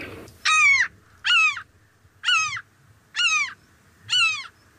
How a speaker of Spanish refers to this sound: En este caso es una gaviota común. Común.